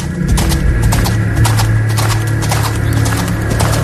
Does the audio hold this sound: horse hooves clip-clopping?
yes